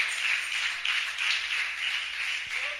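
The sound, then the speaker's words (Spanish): A church audience applauding together for Jesus, a steady dense wash of many hands clapping at once, fairly loud and sustained throughout with no voices over it. “Denle ese aplauso a Jesús.”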